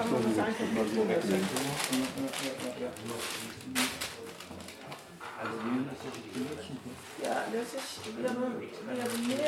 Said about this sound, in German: mal das Rascheln des Papiers.